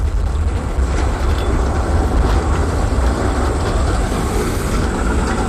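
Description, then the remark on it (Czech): A Škoda 15T fully low-floor tram rolls along a street in Prague, a steady loud rumble of wheels and motor with faint rail clatter, continuous throughout and with no voices. “Od roku 2010 jezdí ulicemi naší metropole vozy typu 15T, které byly jako první kompletně nízkopodlažní.”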